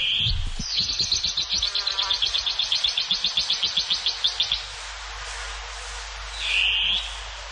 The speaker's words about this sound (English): Koe koea, the long-tailed cuckoo.